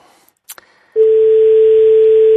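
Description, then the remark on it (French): A telephone ringing tone on an outgoing call, the second ring: after a couple of faint clicks, a loud, steady single-pitched hum starts and holds unbroken to the end, with no talking. “Deuxième sonnerie.”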